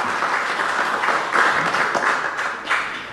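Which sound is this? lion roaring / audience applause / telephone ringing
audience applause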